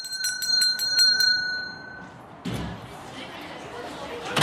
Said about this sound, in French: La cloche a sonné, nous regagnons nos places s'il vous plaît.